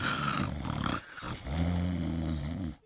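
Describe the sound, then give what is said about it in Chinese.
A voice imitates loud, rumbling snoring: a long rough snore, a short pause, then another deep, droning snore that holds steady before cutting off. “知日的棋牌官就到了元臣官的寝帐，一看这小矬子这军章呢，在被窝里睡得还真香，这呼噜打得震天响啊。”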